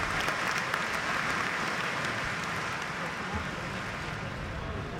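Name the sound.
spectators applauding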